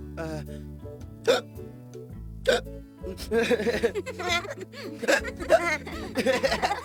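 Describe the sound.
Someone mimics hiccups out loud as their turn in a sound-making game: two sharp, separate hics, then a faster run of squeaky vocal hiccup noises, over steady background music.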